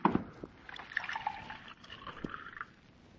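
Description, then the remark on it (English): Water pours from a carafe into a glass, a gurgling trickle with a rising tone as the glass fills, lasting a few seconds with a brief clink at the start. “Pour me a glass of water from that carafe so I can bring him to.”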